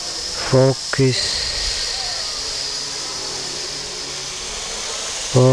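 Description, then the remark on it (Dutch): A couple of short sung notes, from a voice singing along, give way to a continuous, even hiss that fills several seconds, before another brief vocal note cuts in at the very end. “Zing even mee tot enkel gesis te horen is.”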